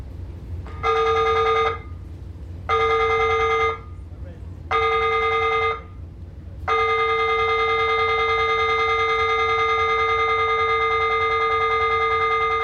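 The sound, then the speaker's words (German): A ship's fire alarm aboard the RMS, sounded during a fire drill in the Atlantic, rings in three short loud bursts, then sounds continuously for several seconds, a harsh steady tone with rich harmonics over a low rumble. “Feueralarm auf der RMS. Eine Übung nur, aber diese Übung immer wieder.”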